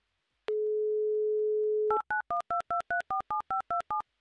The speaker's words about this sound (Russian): А вот и оно. 30 секунд у нас есть, чтобы послушать гудки